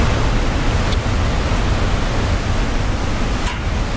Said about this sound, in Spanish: Estamos en las pasarelas de Panticosa, en el Pirineo Aragonés, en la provincia de Huesca. Un recorrido que se abre paso junto al río Caldarés, entre paredes de roca, bosques húmedos y cascadas que caen con fuerza marcando el ritmo de este paisaje.